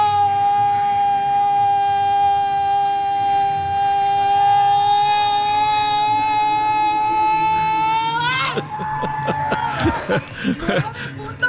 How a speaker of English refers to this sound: Also, before kickoff, there's a contest to see who could yell goal the longest, and a woman won with 9 seconds. I love it.